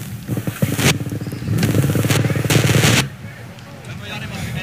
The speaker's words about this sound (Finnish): Kyllä sieltä lääkäri ensimmäisenä paikalle astelee, vihkonen kädessä, ja helikopterin ääni kuuluu myöskin paikalta.